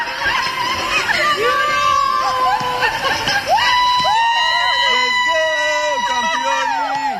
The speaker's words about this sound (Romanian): a fost așteptată pe aeroportul Henri Coandă cu flori și urlete de bucurie de câțiva dintre actorii care fac parte din distribuția filmului Eu Contez.